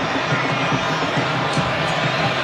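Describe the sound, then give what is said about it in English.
A large stadium crowd at a soccer match in Kansas City roars and cheers in a dense, continuous wash of noise, steady and loud throughout with no breaks, voices blending into the din. “As wild as this crowd has been here, they say it was much bigger, louder, stronger when Argentina was in.”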